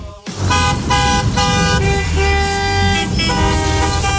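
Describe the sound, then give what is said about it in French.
Several car horns honk over one another in a steady, overlapping blare, with the low rumble of idling traffic underneath, in traffic jams as summer holidays begin and many people drive toward seaside resorts. “Ce son, vous le connaissez, c'est celui, bien sûr, des départs en vacances. Et oui, les embouteillages, les klaxons.”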